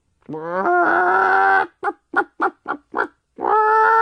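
A hen lets out a drawn-out squawk, then five quick, evenly spaced clucks, and finishes with another long, loud squawk, with no talking.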